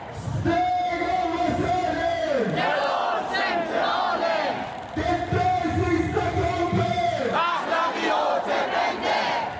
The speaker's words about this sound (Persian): معترضان با سردادن شعارهای علیه جمهوری اسلامی و در حمایت از شاهزاده رضا پهلوی خواستار آزادی ایران و پایان سرکوب ها شدند.